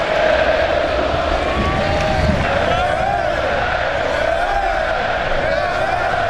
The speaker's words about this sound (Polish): Z jednej strony owacje, z drugiej łzy wzruszenia.